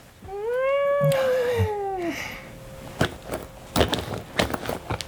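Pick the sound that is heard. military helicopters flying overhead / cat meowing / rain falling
cat meowing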